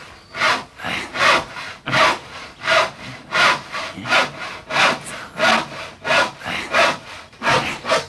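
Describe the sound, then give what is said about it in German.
A hand saw cuts steadily through wood along a pencil line to saw off a mast, in a regular back-and-forth rhythm, about a dozen rasping strokes, fairly loud, with no talking. “Und jetzt säge ich genau am Strich entlang.”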